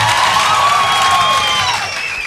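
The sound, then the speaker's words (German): A poetry slam audience at the 2nd Jahreszeiten Poetry Slam applauds and cheers as a warm-up before the first performer comes on stage, loudly and steadily, dense clapping mixed with shouts and whistles, holding strong throughout before easing slightly at the end. “Jetzt sind alle warm geklatscht und es geht los mit den Vorträgen der Poetry Slammer.”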